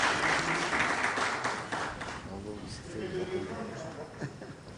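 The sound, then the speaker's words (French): Steady crowd applause for Patrick Vieira at the presentation of a new Senegal jersey in Dakar, loud and dense, then fades as a man's voice begins speaking over the dwindling clapping. “Voilà les applaudissements.”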